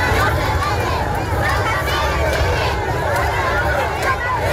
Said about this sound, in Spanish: Don Felipe y también doña Leticia han sentido el calor de miles de ceutíes agolpados en las ciudades a gritos y con banderas de España.